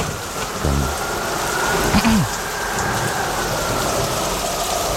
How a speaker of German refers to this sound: Und der Fahrstuhl setzt sich wieder in Bewegung.